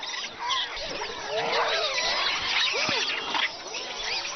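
A troop of monkeys calls all at once, a dense, continuous chorus of shrill chattering and rising squeals overlapping throughout, fairly loud, with no one speaking.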